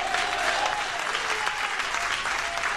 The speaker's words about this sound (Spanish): ¿Cuántos dicen amén, hermano? ¿Cuántos le dan palmas?